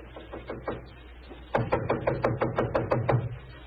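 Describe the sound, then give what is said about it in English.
A few soft raps, then a louder, steady run of about ten sharp knocks on a wooden living room door, evenly spaced and hollow-sounding, with no voices. “It gave me a strange feeling as I raised my hand to knock on what once had been my own living room door.”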